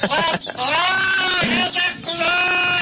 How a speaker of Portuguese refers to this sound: Tem como, irmão, colocar pra mim aí o papagaio aí? Qual deles, homem? Som do papagaio, põe pra mim, irmão.